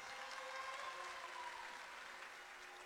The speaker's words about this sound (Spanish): también un fuerte aplauso, muchas gracias.